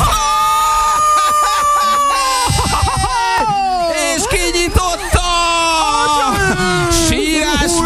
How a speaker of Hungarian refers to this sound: Nagy sírás van!